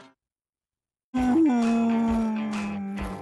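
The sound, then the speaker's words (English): Flea Roy, a dog featured on radio station 95.9 The Big Dog, howls in one long, loud, sustained note after a brief silence, rising slightly at the start and then holding steady before tapering off, heard alone. “That's Flea Roy, Big Dogs.”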